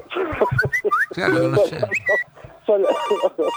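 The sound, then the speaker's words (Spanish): A voice imitates a phone ringtone with a quick run of whistled, chirpy melodic tones, fairly loud, ending in a brighter electronic-sounding burst of ringing notes. “Eso que sí, te mandan un WhatsApp, ¿cómo se define?”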